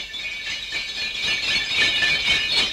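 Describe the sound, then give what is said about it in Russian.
A carriage carrying Prince Mikhail Illarionovich Kutuzov approaches with small bells jingling continuously, a bright shimmering ring over a soft rhythmic rattle that swells slightly toward the end. No voices are heard. “С колокольцами.”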